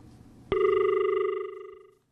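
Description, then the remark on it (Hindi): A steady electronic phone-line tone sounds abruptly after a moment of quiet hiss as a caller's phone call gets cut off, holding one buzzy pitch for about a second and a half before fading out, loud and with no voices. “किसी कारणवश उन्हों का फोन कट गया”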